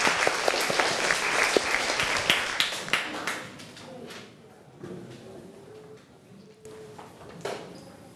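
A group bursts into dense, lively applause that holds for a few seconds, then thins to scattered claps and fades out, with faint murmuring voices underneath toward the end.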